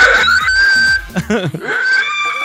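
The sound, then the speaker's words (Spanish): A voice imitates an elephant's trumpet with a loud, shrill, sustained squeal that wavers and breaks in the middle before rising again, sounding closer to a pig's squeal. “Los elefantes, según yo, no hacen así. Eso suena más como a cochino.”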